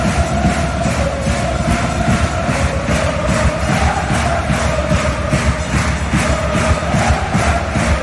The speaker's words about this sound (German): Bis zu 10'000 Zuschauerinnen und Zuschauer sitzen bei dem Match an der Eishockey-WM im Stadion in Zürich. Nicht nur die machen gerade bei den Schweizer Spielen wacker Lärm.